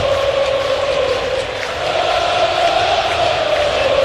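A stadium crowd at a Yankees postseason baseball game roars and cheers as the Yankees lead 9-0, a steady, dense wash of sound for about four seconds, loud throughout with a brief dip midway and no clear voices standing out.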